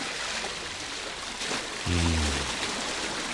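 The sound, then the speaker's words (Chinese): Steady rushing water of a swollen, high-risen shallow river outside a walled city, in May, fills the whole stretch with a dense, even hiss, joined briefly near the end by a low droning tone. “莫非河水泛滥？”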